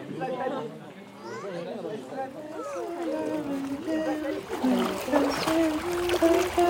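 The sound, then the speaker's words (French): Water splashes steadily as a boat crosses a river, nearly buried under a crowd of people chattering throughout. “On traverse la rivière, on passe du bord en passion.”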